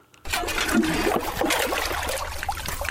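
Steady rushing and trickling of water in the Drnový potok stream in Klatovy, where a hydrobiologist is working to install a measuring probe, continuous, with bubbling splashes throughout and a low rumble underneath; no voices.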